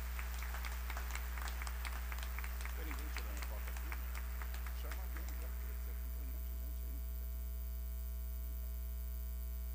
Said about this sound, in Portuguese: Então vamos acolhê-los com uma bela salva de palmas.